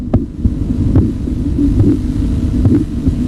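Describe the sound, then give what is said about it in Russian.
Muffled, low thumping pulses of blood vessels heard through a stethoscope while the arm is compressed with a Riva-Rocci cuff, repeating in a steady rhythm over a constant dull hum, with sharper taps recurring about every second. “Он замечает, что при сдавливании руки с помощью манжеты Риварочи возникают характерные чередующиеся звуки.”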